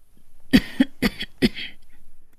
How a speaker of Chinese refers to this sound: 老妇咳嗽一声，让自己的脸部表情看上去柔和一些。